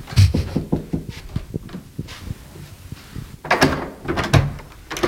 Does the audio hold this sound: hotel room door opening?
yes